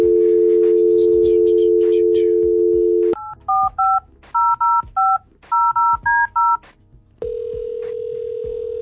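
A steady dial tone hums for a few seconds, then about ten quick touch-tone beeps punch in a number before a different steady line tone takes over, loud and close.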